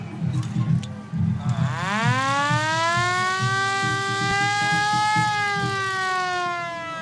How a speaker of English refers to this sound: Just a little warning to people who might be triggered by a bit of war siren sound.